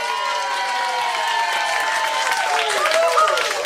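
A steady round of applause from a crowd, with scattered cheers and whoops rising over the dense clapping, sustained and fairly loud throughout.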